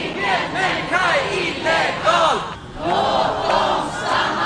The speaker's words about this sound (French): Aucun être humain n'est illégal, laissez-les rester. Voilà ce que scande la foule réunie au centre de Stockholm. Ils protestent contre la politique migratoire du gouvernement, jugée inhumaine